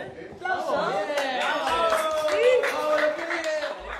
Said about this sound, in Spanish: ¡Aplausos!